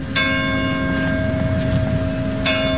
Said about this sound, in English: Church bells ring one village over in Saint-Jean-d'Illac.